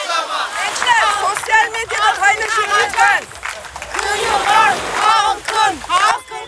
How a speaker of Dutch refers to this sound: De demonstranten lopen hier dus nu rond met borden in hun handen en roepen dus de hele tijd. De zee is van ons, de stranden zijn van ons. Wanneer? Voor altijd, roepen ze.